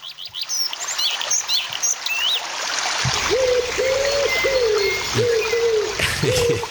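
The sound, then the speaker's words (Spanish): A small waterfall trickles steadily while birds chirp and whistle overhead; midway the water grows fuller and a series of low, repeated cooing calls joins in. “Y con mirá, pasamos de la cascadita, pasamos de los pájaros, pasamos de la naturaleza”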